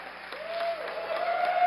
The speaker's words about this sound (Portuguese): Mais palmas pra ele.